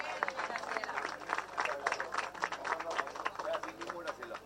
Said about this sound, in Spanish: Fuertes los aplausos para la señora